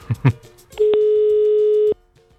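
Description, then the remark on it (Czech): A single steady ringing tone of an outgoing call placed from a radio studio to a listener sounds for about a second, clear and fairly loud, after a couple of short soft thumps at the start. “Tak je vytočeno a teď komu voláme, co?”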